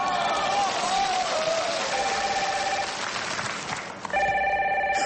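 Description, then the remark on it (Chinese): A telephone rings with a call from a dance partner: steady, bright electronic tones over a wash of noisy crowd sound. It pauses briefly near the end, then comes back louder and clearer. “我舞伴给我来电话了。”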